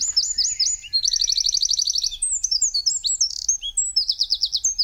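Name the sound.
eurasian wren song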